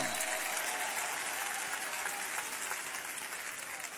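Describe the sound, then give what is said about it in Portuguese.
A church audience applauds to give glory to God, a dense wash of many hands clapping at an even, sustained level for the whole four seconds, with no voices standing out. “Quem se alegra por isso, batam palmas e dêem glória a Deus. Podem aplaudir ao Senhor.”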